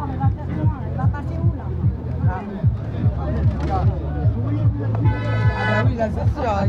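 Truck horns blare repeatedly from angry truck drivers at a roadblock in an outdoor traffic jam, a long sustained honk joined by shorter blasts, with a crowd murmuring and people chatting underneath.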